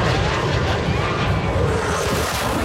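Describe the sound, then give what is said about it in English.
A Blue Angels military jet flies low right overhead in a banking turn at the shore, a loud, continuous, rumbling wash of engine noise that fills the whole moment without letting up, powerful. “Here's what it sounded like when one of the Blue Angel jets flew right over their heads.”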